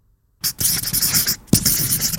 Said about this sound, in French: L'écriture. C'est un stylo ou plutôt un feutre. On écrit sur les murs avec un feutre.